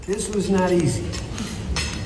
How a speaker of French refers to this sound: C'est l'image qui restera de ce moment inattendu et historique entre les bruits de fourchettes ou comme le dit le président français à la sortie.